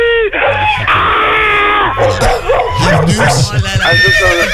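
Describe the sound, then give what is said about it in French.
A person loudly imitates a horse's whinny, with a shrill, wavering vocal neigh that rises and trembles for several seconds before breaking into lower, choppy vocal sounds. “Oh, tu es ni tout à coup. C'est un cheval, c'est normal.”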